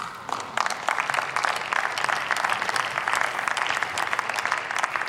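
Sustained applause from a large room, dense rapid clapping that starts abruptly and continues steadily at full strength throughout, with no speech over it.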